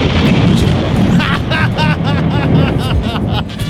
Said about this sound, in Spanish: Truenos.